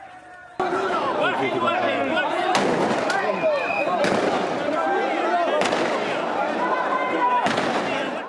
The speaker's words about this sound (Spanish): La tensión aumentó hasta que se escucharon disparos.